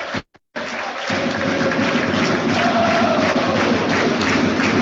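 A basketball crowd applauds player Ambrosetti as he leaves the court with cramps, a dense, steady wash of clapping that starts after a brief break and holds at an even, fairly loud level throughout.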